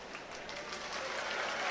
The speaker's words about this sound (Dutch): En als antwoord erop applaus van de Prommers.